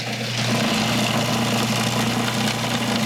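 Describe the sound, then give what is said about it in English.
A food processor runs continuously, a steady, loud motor whir with a low humming drone and a gritty, whooshing texture of herbs, including basil, being finely chopped rather than pureed, with no voices. “No, because that's what the machine will do.”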